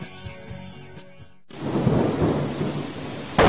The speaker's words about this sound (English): It was a dark and stormy night.